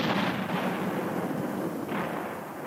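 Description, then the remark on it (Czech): Heavy cannon fire set off by a prisoner at a king's castle rumbles in a dense, continuous roar, with a fresh booming burst swelling in near the end; loud, with no voices. “Když to král slyšel, rozkázal vězni, aby zanechal střelby a ten klobouk mu dal.”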